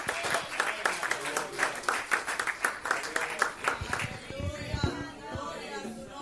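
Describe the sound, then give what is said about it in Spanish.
A standing church audience claps together in steady applause for a few seconds to welcome a preacher at a morning service, the clapping thinning out as a man's voice begins speaking over the last of it. “Con un aplauso al Señor le damos la bienvenida y lo recibimos, y que nos deje todo lo que Dios le ha dado.”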